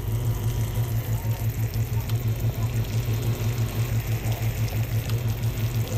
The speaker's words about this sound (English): I know what, you know, caramelization looks like, so when the sugar turns brown, I'll flip. I'm gonna keep it at medium to medium low heat because sugar burns really quickly. I'll be back. Here's a little sugar sizzling ASMR.